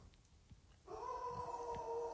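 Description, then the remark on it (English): A dog howls in a long, sustained, steady tone that starts abruptly after a brief quiet moment and holds clearly for over a second, moderately loud. “That was a howl.”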